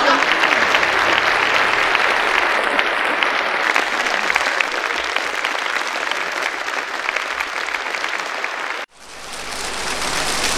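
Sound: audience applause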